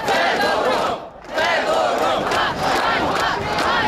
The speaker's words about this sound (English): Shame, shame, they chant. Young Ukrainians are furious at the sacking of a man they credit with helping to turn the tide of the war.